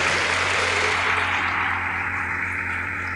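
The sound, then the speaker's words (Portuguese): An audience's round of applause greeting the image of Nossa Senhora da Divina Pastora, a dense, steady wash of many hands clapping together that eases slightly toward the end, with a low steady hum underneath and no voices. “Vamos acolher esta imagem, saudando com uma salva de palmas.”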